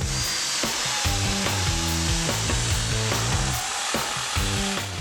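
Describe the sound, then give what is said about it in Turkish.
A power drill whines steadily as a Forstner bit bores a hole into pine lumber, its motor pitch stepping up and down under a constant gritty cutting hiss, loud, with no voices. “İşe Forstner matkap ucuyla başlayalım.”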